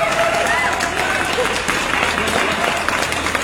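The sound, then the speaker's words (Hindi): A dense round of applause from a group, many hands clapping continuously at a steady, loud level for the whole stretch, with no pauses or talking over it. “तो दोस्तों फिलहाल आपके लिए हम क्लैपिंग करना चाहेंगे, आपने इतने प्यारे प्यारे जवाब पहुंचाए हैं, दिल से शुक्रिया।”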